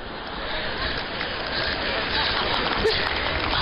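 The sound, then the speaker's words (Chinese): Steady audience applause, a dense, even wash of clapping that holds at a constant level for the whole stretch, with no clear individual claps standing out. “哎呀，别鼓掌了，丢人呢。”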